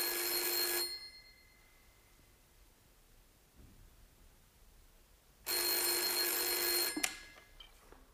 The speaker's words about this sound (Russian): Девушка-секретарша, взвинченная царящим вокруг бедламом, нервно отвечает на телефонные звонки.